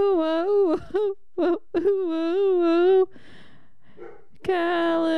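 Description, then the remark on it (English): A male dog whimpers and whines in long, wavering high-pitched cries, broken by a few short yelping bursts, then a brief pause before another drawn-out whine. “My dog really just he's just started barking.”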